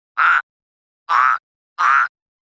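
frog croaking

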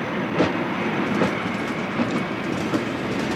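train riding on rails

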